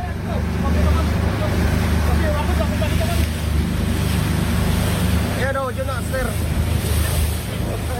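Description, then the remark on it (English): A Coast Guard rescue boat's engine drones steadily under gusting wind and rushing water as it approaches a burning passenger ferry in darkness, about 100 yards ahead, in the Philippines. Several rescuers' voices call out faintly, then shout more clearly a little over halfway through. “What you can hear there are voices of the Coast Guard rescuers on their boat as they approach the burning ferry, which is engulfed in flames in the darkness 100 yards ahead of them.”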